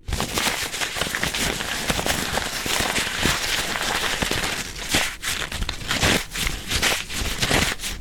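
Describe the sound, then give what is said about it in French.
Handmade paper being crumpled: a steady, dense rush of crisp crackles and crinkles lasting several seconds, bright and papery with brief dips between handfuls, and no voices. “Et maintenant, si on le froisse?”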